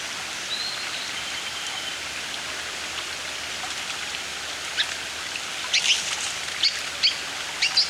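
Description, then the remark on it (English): Steady rain hisses throughout, and near the end a song sparrow, rousing from within Phragmites reeds, breaks in with a few bright, quick notes, fairly faint and partly masked by the downpour. “more song sparrows return.”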